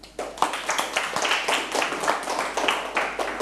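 A classroom of students claps for a classmate, a dense, steady patter of many hands that starts abruptly and continues evenly at moderate loudness throughout, with no voices.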